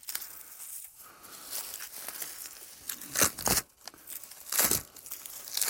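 White outer bark being peeled off a birch tree by hand in small bits: dry crackling and crinkling with several sharper tearing rips, irregular in rhythm and moderately loud, with no voices.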